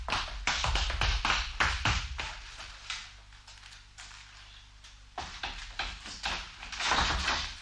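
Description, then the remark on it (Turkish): Sharp clicks and rattles of a hotel room door lock being worked, a brief lull, then more clattering as the door is unlatched and swung open. No one speaks. “Kapıyı açmanızı rica ediyorum madem.”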